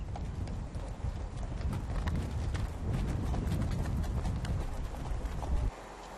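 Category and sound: animal, horse hooves clip-clopping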